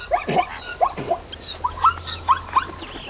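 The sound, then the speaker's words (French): Zebra calls in the savanna: a series of about seven short, high, squeaky yelps, loosely paired, repeating across a few seconds with no talking. “Il y a des zèbres avec leur pelage rayé et leurs drôles de cris.”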